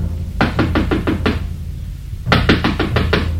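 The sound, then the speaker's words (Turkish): Two quick bursts of knocking on the wooden door of a shut-up house in a European city street during heavy, worsening rain, about five firm raps each with a short pause between, fairly loud with no one speaking. “Rokero, aç kapıyı, ben geldim.”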